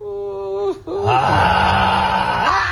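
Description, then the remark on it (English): A voice imitates a man's deep snore: a short droning moan, a brief catch of breath, then a long rough, rattling snore sound, fairly loud. “This is his snore.”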